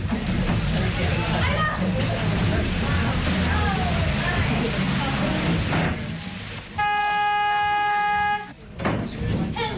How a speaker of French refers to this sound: On a beaucoup de pluie. Le bateau n'est pas très bon dans la pluie à cause qu'on est un concept pas mal tout ouvert.